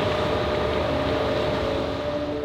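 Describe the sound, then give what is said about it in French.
Two French polar ships open a way together through compacted plates, their engines droning steadily with a constant hum, wrapped in a broad rush of water and wind as they move through the sea. It is loud and unbroken, with no voices. “C'est génial parce que c'est deux bateaux polaires ensemble, français, qui ouvrent la voie comme ça.”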